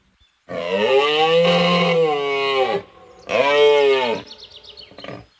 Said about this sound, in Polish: O łosiu!